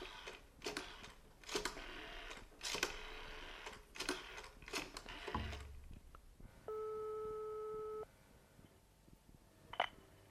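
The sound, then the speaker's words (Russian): A string of sharp dialing clicks gives way to a single steady ringback tone on a phone line as a police officer calls an old botanist, about a second long, followed by a faint click. No one speaks. “Надо деду этому позвонить.”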